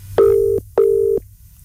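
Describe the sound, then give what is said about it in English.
A telephone ringback tone on an outgoing call made to give away a pair of tickets: one double burst of steady electronic purring tones, each about half a second, clear and fairly loud, heard alone with no talking. “Come on, come on, please answer your phone.”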